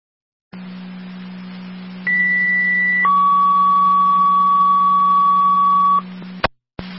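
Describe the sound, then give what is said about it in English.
Over a steady radio hiss and hum, a fire dispatch pager sends two-second tones for a patient assist call at Wheatfield Towers: a short high tone, then a longer lower steady tone, cut off by sharp clicks as the transmission ends. “Repeating verbal 2 second tones for the patient assist, Wheatfield Towers, fire control clear 1954.”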